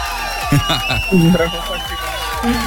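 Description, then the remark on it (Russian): An audience applauds a guest on Europa Plus with cheers and whoops. Excited voices ring out in short rising shouts over a steady wash of crowd noise for a few seconds. “И эти аплодисменты.”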